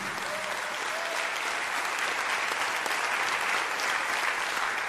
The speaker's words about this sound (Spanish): Si le va a aplaudir, aplaude al Señor todo con el corazón.